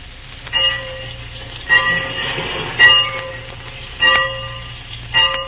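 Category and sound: vehicle, train waiting at station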